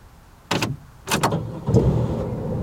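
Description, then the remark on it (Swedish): Two solid car door thumps, and a moment later the driver starts the car: the engine cranks and catches, settling into a steady low idle that runs to the end. Nobody speaks. “Mamma satte sig bakom ratten och startade bilen.”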